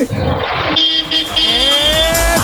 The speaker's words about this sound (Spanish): Bocina número 19. Aquí va mi bocina.